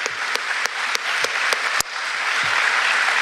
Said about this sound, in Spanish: Un aplauso. Bienvenido.